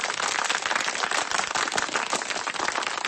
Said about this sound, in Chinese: 随着渐渐落下的掌声，…走到了正面主讲位置。